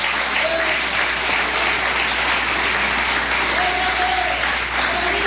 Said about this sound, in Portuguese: Podeis assentar, assentando aquelas palmas bem bonitas para Jesus, é para Ele.